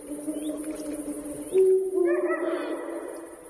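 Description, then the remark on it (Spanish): A female Eurasian eagle-owl gives a harsh, nasal bark-like call, one drawn-out raspy burst lasting a couple of seconds, fairly loud over a low steady background hum, among the rocky cliffs of the Portilla del Tiétar in Monfragüe. “El búho real, el gran duque, domina la puesta en escena. ¡Qué maravilla! Esa es la búa.”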